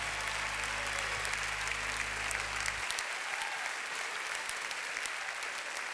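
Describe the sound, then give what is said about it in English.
An audience claps steadily in praise of God during worship, a dense wash of applause that holds at an even level throughout, with a low droning hum underneath for the first half that then cuts out. “Come on, give God a hand clap of praise tonight.”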